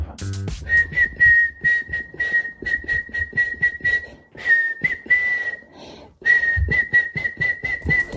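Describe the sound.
A woman whistles a catchy pop melody for listeners to guess on the Austrian radio station Kronehit, the tune sustained and steady with brief pauses between phrases, clear, with some faint background noise.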